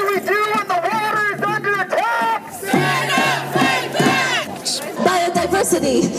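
street protest crowd chanting

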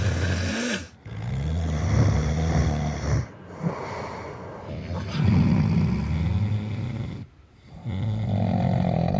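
loud heavy snoring

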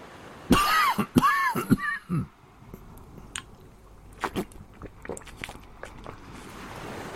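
coughing

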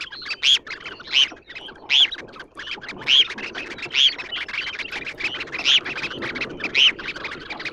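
red phalarope calls

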